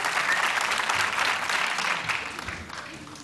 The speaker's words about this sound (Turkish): Alkışlar efendim Karahisar Zeybeklerine gelsin. Afyon Karahisar Zeybekleri. Hoş geldiniz. Ayaklarınıza sağlık. Alkışlarla uğurluyoruz efendim. Teşekkür ediyoruz.